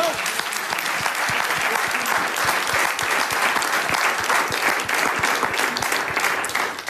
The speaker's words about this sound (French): La danse des politiques belges. Applaudissements.